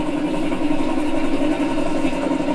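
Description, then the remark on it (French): A few-cylinder Baudouin DK3 diesel engine idles steadily, a continuous low, throbbing chug that holds an even loudness throughout, with no voices present. “c'était plutôt le baudouin. C'était un DK3. Alors lui, c'était spécial.”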